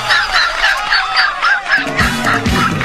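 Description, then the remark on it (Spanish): A steady stream of loud chicken calls from a hen, quick clucks and squawks repeating in a rapid, uneven rhythm, with a low hum entering partway through. “Mucho cuidado con esa gallina, con ese pollo.”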